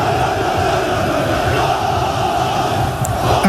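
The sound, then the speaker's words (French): A huge crowd of Beşiktaş football supporters roars continuously, a dense, loud wall of massed voices with chanting swells that stays steady throughout, with a brief sharper rise near the end. “Les supporters de Beşiktaş détiennent le record du monde de décibels, plus de 140 dans leur ancien stade il y a 13 ans, soit plus de bruit que le décollage d'un avion.”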